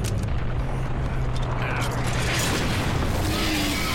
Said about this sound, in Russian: Передергивает затвор, нажимает на курок, ППШ молчит.